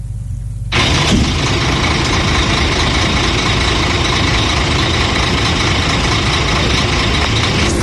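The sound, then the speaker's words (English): Vehicle engines idle in a steady rumble in a traffic jam on the Accra-Takrade Highway at the Weja SEC section, after early Tuesday morning rains left silt and flood water on the road; a low hum swells within the first second into a loud, continuous din of heavy traffic with no one talking. “The eastbound and Accra-bound lanes have been blocked to traffic, forcing motorists to squeeze into the westbound carriageway, creating congestion and traffic chaos.”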